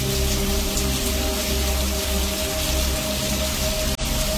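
Heavy rain pours steadily, a dense, continuous hiss of water drumming on surfaces, loud, with a brief dropout near the end and no voices.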